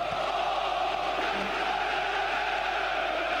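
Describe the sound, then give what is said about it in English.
Ghanaian fans at Cardiff Stadium roar and cheer, celebrating Caleb Rienchi's goal for Ghana's Black Stars against Wales, in a steady, dense wall of sound, many voices blending into one continuous loud din with no single voice standing out. “And look at the Ghanaian crowd at the Cardiff Stadium. Very ecstatic. They are happy. They are jubilating.”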